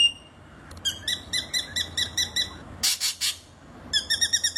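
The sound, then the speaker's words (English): A spangled drongo gives harsh, metallic chattering calls: quick runs of ringing, twangy notes broken by a rasping burst, then another rapid series, clear with no voices. “its voice harsh chatterings with strange metallic notes.”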